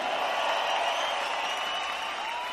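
A dense, steady wash of audience applause for female rock-and-roll singers, many hands clapping at once with a faint crowd murmur, holding at an even loudness throughout without any single voice standing out.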